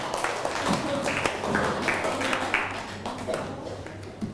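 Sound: classroom applause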